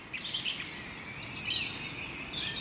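A steady early-morning chorus of birdsong between 6:19 and 6:42, with many overlapping chirps and trills forming a continuous bright texture, and no talking over it.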